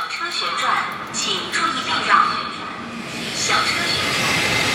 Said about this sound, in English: I'm not sure if you can hear clearly behind me, but that is the sound of the swirling, twirling movement of a robot arm. These robot arms need human hands. They drill, they check.